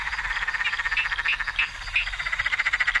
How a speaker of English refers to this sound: The rain's been so encouraging for local frog populations. We're lucky we've got loads of different species throughout the local area as well.